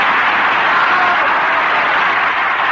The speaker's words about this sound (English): Yes. Yes, that Turpin's a fabulous ventriloquist. Oh, just listen to that applause.